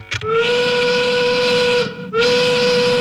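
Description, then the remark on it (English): A loud steam whistle marking five o'clock blows in two long, steady blasts with a brief break between them, its bright harmonic tone ringing out strong with no voices. “That whistle means it's time for the Modern Gas 5 o'clock gas check.”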